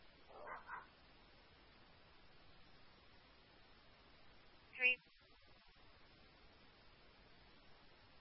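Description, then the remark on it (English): A dog in a backyard barks a couple of short, faint yips, then after a pause lets out one sharper, louder bark, all over a steady background hiss with no one talking. “I think they might be in the backyard. I saw a dog back there.”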